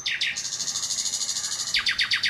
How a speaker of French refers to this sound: Et dans cette forêt, il y avait un rossignol au chant mélodieux. Les pêcheurs, longeant cette forêt, pouvaient l'entendre depuis leur bateau.